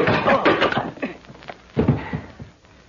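A punch lands on a chin with a dull thud amid scuffling, then a heavier thump as a body falls, the noise fading away afterward.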